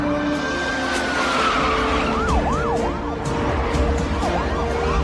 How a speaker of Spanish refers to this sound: Un convoy de vehículos policiales avanza a toda velocidad por la ciudad. Los autos patrulla cortan el tráfico en los cruces.